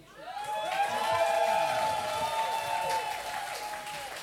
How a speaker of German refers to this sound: Bitte einen großen Applaus für ihn.